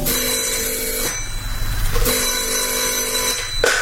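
A telephone bell rings twice in a steady double burst, each ring lasting about a second with a short pause between, loud with a faint low hum underneath.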